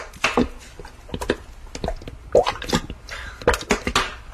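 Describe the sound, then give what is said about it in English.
Peppers tumble into a big saucepan in an irregular clatter of small bursts and rattles against metal, with scattered knocks over about four seconds and no voices. “Pour in all the peppers.”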